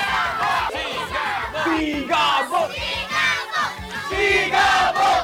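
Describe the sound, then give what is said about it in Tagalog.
A large crowd in San Fernando City, Pampanga, shouts and cheers loudly and continuously as Coco Martin is welcomed, many voices overlapping in rising, chant-like bursts with no single speaker standing out. “At ang sigaw ng bayan!”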